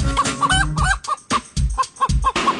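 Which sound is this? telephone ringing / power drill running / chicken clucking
chicken clucking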